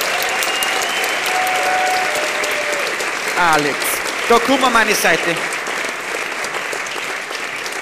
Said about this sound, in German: Geh mal her. Da geh mal her zu mir. Klatschen, bis er da ist, klatschen, bis er da ist.